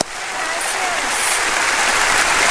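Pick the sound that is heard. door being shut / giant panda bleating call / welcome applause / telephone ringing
welcome applause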